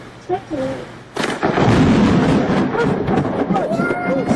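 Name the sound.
thunder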